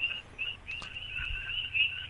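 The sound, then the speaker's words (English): A steady chorus of frogs croaking in a forest, a dense high-pitched trilling that pulses and overlaps continuously at moderate volume, with no voices. “I'm in the forest. That's why you hear the frogs.”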